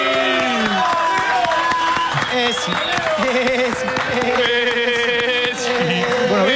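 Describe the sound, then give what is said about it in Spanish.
A big stadium crowd cheers and applauds without letup as players' names are announced, ending with Lionel Messi, many voices shouting and singing over a dense wash of clapping, loud and steady for the whole stretch. “Todo el aplausómetro bien, ¿o no? Me parece que estuvo bastante bien.”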